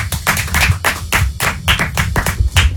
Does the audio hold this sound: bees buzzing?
no